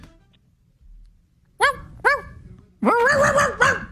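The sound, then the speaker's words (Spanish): A voice on a radio show, marking World Dog Day, imitates a dog barking: two short, sharp woofs, then a longer, louder run of rough barking yelps after a brief quiet stretch. “Hazle como un perro, ladra como un perro.”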